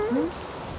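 A steady, dense hiss of heavy rain with a rushing wash of strong wind underneath as a storm begins, and a brief low tonal murmur near the start.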